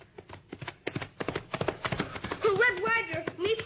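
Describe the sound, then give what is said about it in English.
Horse hooves clip-clop in a quick, uneven clatter of sharp knocks for a couple of seconds as Little Beaver rides in on horseback. A wavering, voice-like call then rises over the continuing hoofbeats. “Well, here are our horses.”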